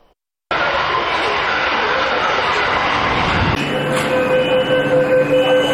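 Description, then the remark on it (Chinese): A new Beijing Subway Line 1 train rolls loudly and slowly into the platform at Dawanglu station, its broad rumble giving way to a steady electric whine and faint squeal as it slows. “近日，在北京地铁一号线大望路站，一列崭新列车缓缓驶入站台。”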